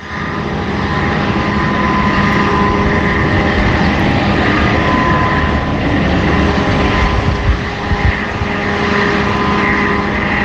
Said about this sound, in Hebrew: זה נשמע כמו רחפן. זה נשמע כמו רעש. כמה זמן זה יכול להימשך? כזה. נשמע, זה כל היום, 24 שעות ביממה. לפעמים יש הפוגות. עכשיו, הרעש מגיע ל-65 דציבל. כאילו, אני מודד עם הטלפון.